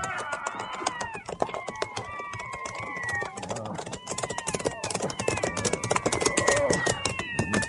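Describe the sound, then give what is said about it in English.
A dense, chaotic chorus of many cats in the air yowling and meowing at once, overlapping wails rising and falling continuously, loud, with scattered clattering noises underneath. “do you ever see so many cats in the air at one time?”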